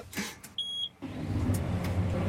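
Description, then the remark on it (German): A short electronic beep sounds, then a farmer's tractor engine cranks to life and settles into a steady, low diesel rumble that continues to the end, with no one talking. “Macht den Traktor an.”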